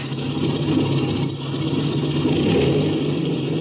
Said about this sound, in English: Okay, clean out that engine while I climb into the front cockpit.